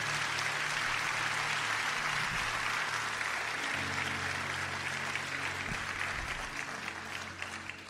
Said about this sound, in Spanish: Vamos a dar un aplauso muy fuerte al Señor.